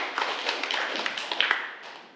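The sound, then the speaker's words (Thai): A small group claps together for three classmates who answered questions, in a dense, steady patter of many overlapping hand claps, holding for a couple of seconds before thinning out and fading. No voices are heard. “อย่างที่เพื่อนๆเราได้ตอบมาทั้ง3คนก็ถือว่าเก่งมากๆเดี๋ยวขอเสียงปรบมือให้กับเพื่อนของเราอีกครั้งหน่อยนะครับ”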